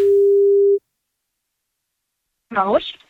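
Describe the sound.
A steady telephone ringback tone hums for under a second as a radio station calls a listener for a short survey, then cuts to silence before a person starts speaking over the line.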